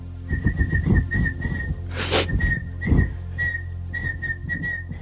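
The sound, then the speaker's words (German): A man whistles the bouncy melody of a pop hit song, the notes short and rhythmic with brief pauses, over a steady low background hum and a quick breathy noise midway. “pfeift und nur die Talentiertesten unter euch mit absolutem Gehör erkennen, was er da eigentlich vor sich hin pfeift.”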